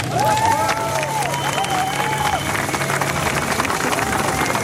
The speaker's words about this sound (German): Einen großen Applaus für alle, die in Erfurt waren.